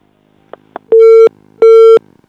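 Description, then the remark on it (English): A harsh electronic phone-line buzz from an incoming call to a radio program sounds twice in steady bursts of about a third of a second each, loud, preceded by a couple of faint clicks. “Please, if you want to call us, don't buzz.”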